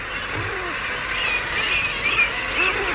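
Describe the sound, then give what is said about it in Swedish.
Low, growling calls of a common guillemot, a seabird, rise and fall a few times over a steady wash of background noise, with faint higher chirps from other birds scattered through. “Det är en sillgrissla.”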